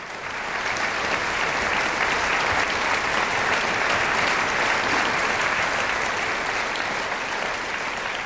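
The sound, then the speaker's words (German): Sustained, dense applause from a large, enthusiastic concert audience in Siegen, sending off soloist Bernd Glemser after Rachmaninoff's Prelude in G-sharp minor, Op. 32 No. 12. It is steady and loud throughout after a quick swell at the start, with no voices standing out. “Bernd Glemser ist der Solist bei diesem Widder drei Städte-Konzert Siegen mit dem Prälude Gismoll, Opus 32, Nummer 12 von Sergei Rachmaninow, hat er sich von dem begeisterten Publikum in Siegen verabschiedet.”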